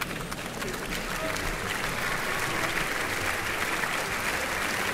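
Sustained applause from a large audience in an opera house for the evening's conductor, Maxime Pascal, as he walks to his place at the podium by the orchestra pit, a dense steady wash of clapping hands that holds at an even level throughout, with no voices standing out.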